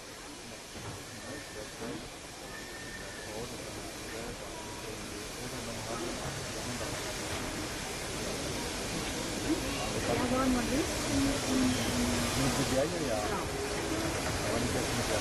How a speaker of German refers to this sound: 18201, die ehemals schnellste betriebsfähige Dampflok der Welt, die als Schnellfahrlokomotive für die Versuchsanstalt in Halle vom RAW Meiningen aus der ehemals für den Henschel-Wegmann-Zug gebauten Tenderdampflok der Baureihe 61 gebaut worden ist.